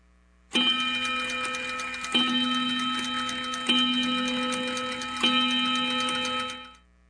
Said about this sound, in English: We got that clock the summer we went to Europe, me and Big Mama, on that damn Cook's tour.